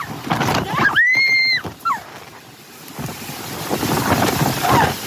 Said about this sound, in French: En quelques secondes, ces personnes se retrouvent piégées par de violentes rafales de vent.